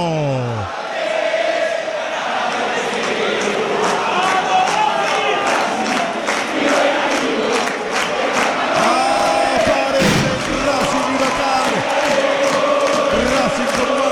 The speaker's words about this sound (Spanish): Gritan los hinchas de la academia, le ponen la música al domingo.